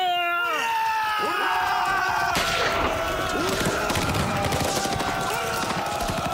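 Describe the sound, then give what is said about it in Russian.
A sharp blast from a 45 mm anti-tank gun breaks in as it destroys a machine-gun nest, followed by a continuous clatter of battle gunfire with scattered bursts, layered over wailing, sliding tones. The whole scene is loud and dense. “Огонь! Выстрел сорокопятки ликвидирует пулеметное гнездо.”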